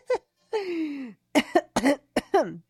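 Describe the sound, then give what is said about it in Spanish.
A person coughs several times in short, harsh bursts, with a longer raspy throat-clearing sound early on, then a quick cluster of coughs. “Ay, hasta me dio la tos, oigan.”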